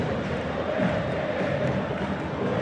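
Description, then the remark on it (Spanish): A stadium crowd of Instituto fans roars after Palomo Alarcón's goal puts Instituto 1-0 up against Boca, a dense, sustained wall of shouting voices that stays loud and steady throughout with no single voice standing out. “Maxi, ¿cómo se vivió el grito? Vos sabés que en Instituto explosión, pero en Boca fue todo enojo y protesta, ¿eh?”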